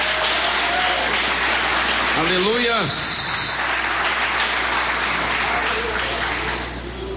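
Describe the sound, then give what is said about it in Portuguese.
A church audience claps steadily for several seconds to glorify God, a dense, continuous wash of applause. Midway, a voice calls out over it, and the clapping tapers off slightly at the end. “Podeis assentar, assentando palmas que glorificam a Deus.”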